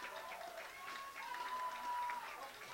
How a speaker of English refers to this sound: It's a round of applause from the fans.